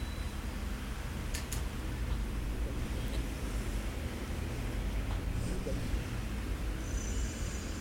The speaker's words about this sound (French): Passe un 63, les cocotiers sont arrivés. Un camion marée service, un camion bâché bleu, des taxis.